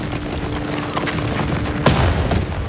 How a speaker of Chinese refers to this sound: 哪儿来的枪声？ 一定是师长跟他们交上火了。